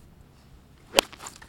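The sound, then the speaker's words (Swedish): A single sharp, crisp crack of a golf club striking the ball on a fourth-shot approach onto a wet green on a par-five hole in the morning, standing out against quiet outdoor background with a faint trailing swish. “Ska ni få höra när Benjamin lägger upp den på green”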